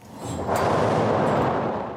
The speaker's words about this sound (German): Zum Beispiel die Donnermaschine. Ja, ganz analog das Ganze. Da rauschen Stahlkugeln mit lautem Gepolter per Schnur über Holzlamellen 26 Meter in die Tiefe. Hören Sie nochmal.